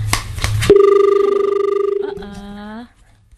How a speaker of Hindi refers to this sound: एक कॉल आ रही है तो कॉल हम ले लेते हैं।